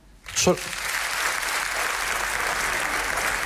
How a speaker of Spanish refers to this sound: Para el siguiente tema nos gustaría hacer un sondeo. ¿Podría aplaudir solamente la gente que sea autónoma?